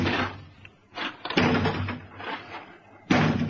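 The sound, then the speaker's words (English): Heavy blows pound against a door from outside, several loud, booming thuds at uneven intervals, forceful with resonant rumble between strikes. “That door won't hold long.”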